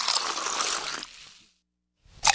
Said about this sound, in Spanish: Ahora trae la gaseosa. Rápido, hermano. Hermano, por favor, échame la gaseosita a las vacas.